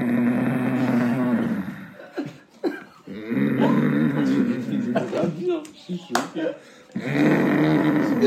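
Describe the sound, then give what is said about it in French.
A voice mimics a father's loud, rasping snores: three long, throaty drawn-out breaths, the last starting around seven seconds, with short clicks and breathy pauses between them, forceful. “Genre, le signal, c'était quand son père, il ronflait, mais comme un.”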